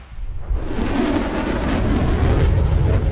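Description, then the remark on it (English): A dense, continuous barrage of fireworks booming and crackling, with deep rumbling thuds layered under rapid bursts, loud throughout with no pauses and no voices. “Not to mention our amazing assortment kits that contain an entire fireworks show in a box.”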